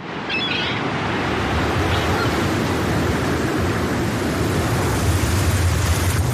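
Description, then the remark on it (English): Heavy, continuous loud roar of rough sea waves churning with strong winter wind on the water, a dense wash of noise with no pauses and no voices. “In seconds, winter wind conditions on the water can turn unforgiving.”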